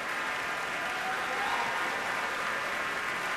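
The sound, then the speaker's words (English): Sustained applause from a concert audience in Minneapolis for a nearly brand-new piece played by the Minnesota Orchestra, during the composer's repeated bows: a dense, steady wash of clapping at an even level throughout, with no voices standing out. “Really, such warm applause for this pretty much brand new piece, first performed a couple of months ago in Houston and now played here in Minneapolis by the Minnesota Orchestra.”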